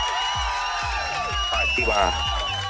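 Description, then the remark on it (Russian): A short burst of crowd cheering and applause with whoops, mixed with bright swooping tones and a repeated low thump, lasting a few seconds at a steady, fairly loud level, played on a Europa Plus radio morning show for a listener who answered a quiz question correctly. “Аплодисменты для тебя.”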